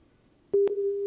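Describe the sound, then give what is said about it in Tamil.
A telephone busy tone during a radio phone-in quiz, the call to the next listener not connecting: a couple of sharp line clicks, then a steady, fairly loud low-pitched beep that holds to the end, with no one speaking over it. “நேர் இணைப்பில் இல்லை, நம்ம அந்த நேருக்கான பாடலை கொடுத்துடலாம்.”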